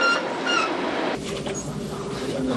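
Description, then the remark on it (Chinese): A passenger train hauled by a diesel locomotive departs Golmud station, its broad rumbling noise continuous throughout, with brief high metallic squeals from the wheels near the start before the clatter settles into an even roar. “在内燃机车的牵引下，列车驶离格尔木车站。”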